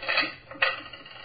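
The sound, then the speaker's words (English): Keys taken out of a pocket and set down on a table: a brief metallic jangle followed by a second sharp clink, bright and clattery, with no voices. “Yeah. My keys.”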